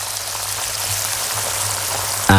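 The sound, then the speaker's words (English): A pair of 32-day matured sirloin steaks sizzle in pure Irish butter in a pan, a steady dense crackle and hiss, fairly loud, with a faint low hum beneath and a brief louder burst at the very end. “This is the sound of a pair of 32-day matured, award-winning sirloin steaks cooking in pure Irish butter.”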